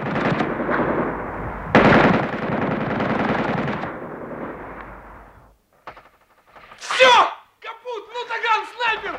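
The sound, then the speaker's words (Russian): A machine gun on a roof fires at artillery gun crews: a loud, sustained rattle roars for several seconds with a dense, rapid rhythm, then cuts off, followed by brief shouted voices. “С пулеметом на крыше снять орудийные расчеты!”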